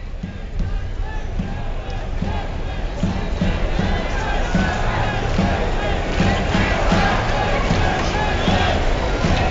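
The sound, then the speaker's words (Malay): A dense crowd of visiting Buriram football fans in the away stands of a stadium roars steadily throughout, cheering on their team with rhythmic chanting pulsing beneath the noise and no single voice standing out from the broad, continuous wall of sound. “Penonton-penonton ataupun peminat-minat Buriram yang juga hadir di kerusi penonton pelawat tidak mahu terlepas memberikan sokongan kepada pasukan kesayangan mereka.”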